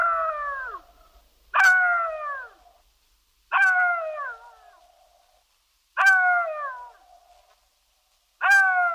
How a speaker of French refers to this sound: Parce qu'il hurle à mort, rôde autour des cimetières et se nourrit de cadavres, le chacal est un animal de mauvais augure, au même titre que le loup.